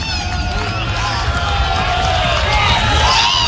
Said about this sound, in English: And the crowd that's hung around here for nearly 3 hours, chilled to the bone, making some noise.